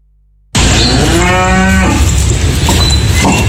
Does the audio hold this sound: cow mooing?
yes